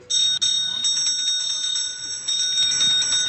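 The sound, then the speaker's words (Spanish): Ceremonial bells ring loudly and continuously in the Mexican Senate, marking the opening of the eighth Mexico–European Union summit: a bright sustained metallic peal with a brief break near the start, over faint background murmur. “Así sonaron las campanas en el Senado mexicano, donde inició la octava cumbre México-Unión Europea.”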